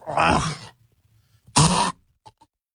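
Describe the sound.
A person imitates a cat hacking up a hairball: two loud, harsh, rasping coughs with a short pause between, followed by a couple of faint little clicks.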